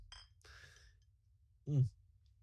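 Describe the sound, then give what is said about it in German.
Glasses clink together in a quick toast, a few bright ringing taps, followed by a short burst of voice over a low background hum. “Naja, und Prost.”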